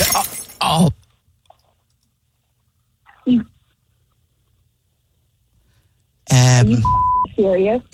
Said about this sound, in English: Are you serious? Did you just do what I think you did? Idiot! I just heard glass drop. Are you kidding me?